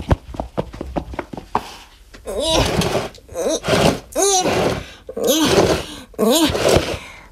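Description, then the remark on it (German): A heavy box full of different toys is pushed through a doorway into a radio station: a quick run of knocks and thumps, then several loud, drawn-out squeaks and groans in bursts. “Jetzt kann ich sie auch durch die Tür schieben und hier reinbringen.”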